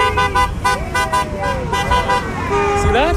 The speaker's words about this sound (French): Vous voyez, le conducteur qui vient de klaxonner est philippin.